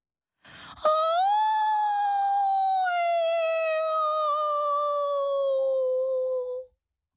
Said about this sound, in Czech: A za chvilku něco zakvílelo.